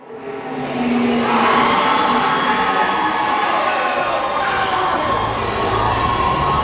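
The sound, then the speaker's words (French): A crowd of teenage high school students cheers and shouts loudly at a robotics competition in a large Bombardier aircraft finishing hangar in suburban Montreal, Quebec: a dense, continuous roar of high-pitched voices and whoops that swells within the first second and holds steady to the end. “C'est pas l'ambiance habituelle dans ces grands hangars de finition d'avions chez Bombardier.”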